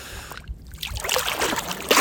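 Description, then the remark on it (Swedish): Water sloshes and splashes as a person wades in for a cold morning swim at the mouth of the Dalälven river, where it flows into the Bothnian Sea. Irregular swishing bursts build toward a louder splash at the end as they dip in up to the head. “Nu är allt utom huvudet doppat.”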